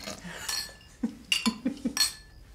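Dishes and cutlery clink and clatter during washing up, a series of bright metallic and ceramic knocks in quick irregular succession, with no voices.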